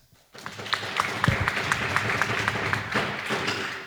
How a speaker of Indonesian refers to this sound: Sekali lagi mari kita berikan tepuk tangan yang meriah untuk regu A, regu B, dan regu C.